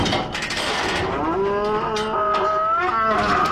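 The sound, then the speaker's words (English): Cattle moo loudly, several drawn-out calls overlapping with a wavering pitch, against a steady background of clanking and mechanical noise with no one talking, as cattle are loaded for export at Darwin Port. “Yes, plenty of moo cows getting exported out and some interesting imports coming in.”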